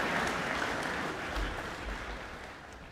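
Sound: concert audience applause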